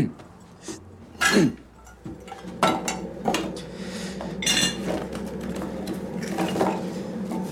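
Spoon clinking against a cup while a cup of tea is made, with bright repeated chinks and clatter of crockery in an irregular rhythm, moderately loud, amid general handling noise.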